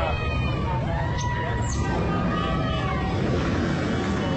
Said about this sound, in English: Here they go. Yep. There's some horsepower there. Boy, they are. They are revving up those bikes.